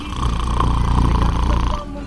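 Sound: person imitating snoring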